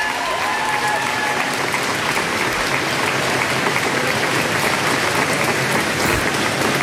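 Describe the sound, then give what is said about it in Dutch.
Sustained applause from a sizable crowd of staff outdoors in Downing Street as British Prime Minister Keir Starmer comes out to give a statement, dense steady clapping that holds at an even loud level throughout with no pauses, a broad wash of hands. “In Downing Street, hij wacht even op applaus, staat vol medewerkers daar.”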